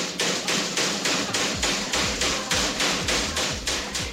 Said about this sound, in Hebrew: איזה פטיש זה? זה היה קונגו נראה לי.